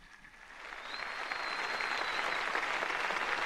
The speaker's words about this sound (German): Dieser Einladung des Papstes stimmt das versammelte Volk Gottes mit Applaus zu. Applaus, Klatschen. Ja, es ist ja wirklich eine ausgelassene Stimmung zu spüren am Hafen von Heiligenkreuz auf Teneriffa.